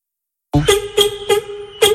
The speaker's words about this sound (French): C'est un florilège de klaxons. Alors on a commencé par le klaxon italien, ensuite le klaxon de combi. Tous les enfants ont klaxonné un peu plus dans les tunnels et voilà.